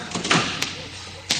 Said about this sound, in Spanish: Bien, cierro la puerta.